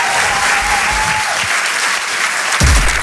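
An audience applauds loudly and steadily, a dense wash of clapping filling the whole clip, with a brief sustained tone early on and a thump near the end.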